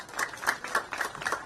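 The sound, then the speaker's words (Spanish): A crowd claps steadily together at a handover of 27 homes in the community of Arroyo Jú, a dense patter of hands swelling in small waves, with no voices over it. “Fuerte los aplausos, 27 viviendas, comunidad Arroyo Jú.”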